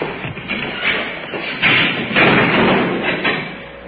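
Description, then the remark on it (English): A door in a jail closes with a couple of dull, muffled thumps against a steady, grainy background rumble; no one speaks. “Through the door.”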